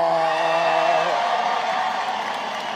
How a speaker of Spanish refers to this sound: Los que tienen silla, tomen asiento. Los que no, aplaudir y a gritar en esta gran fiesta.